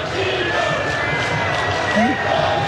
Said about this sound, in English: He was honored yesterday by the crowd. Special, special stuff that we got to hear.